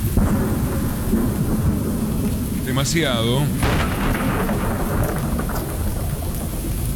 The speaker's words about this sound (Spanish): Sí, está lloviendo mucho.